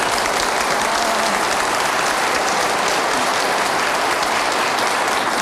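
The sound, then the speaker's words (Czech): Steady, dense applause from an audience, one man and otherwise women clapping, a continuous crackle of many hands at an even loudness throughout, with no voices standing out. “Já jsem to tak rychle stačil spočítat, tleskal jeden muž, no, ostatní všechno tak, ženy.”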